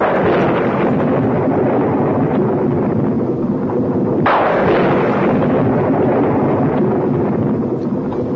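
Thunder rumbles continuously in a deep, dense roar, with a sharper crack breaking in partway through before the low rolling sound carries on steadily. No one speaks.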